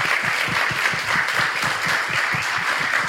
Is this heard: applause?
yes